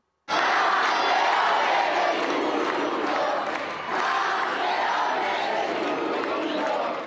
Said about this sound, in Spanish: Los dos han tenido una bienvenida llena de detalles y de aplausos.